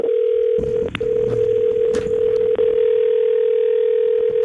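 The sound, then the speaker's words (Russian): An American long telephone ringback tone on a call to a phone in New York, USA: a steady, mid-pitched electronic hum that holds almost unbroken for several seconds, with a brief dropout early on and a few faint clicks and rustles underneath. “Американский длинный гудок.”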